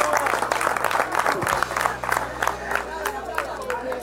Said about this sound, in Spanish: con esto, sigan aplaudiendo. A mí me parece que el lunes pasado, en esa reunión que hicieron en Casa Rosada, le dijeron, no importa de qué se trata, pero aplaudan. Entonces acá pasa cualquier cosa y lo único que hacen es vivir aplaudiendo.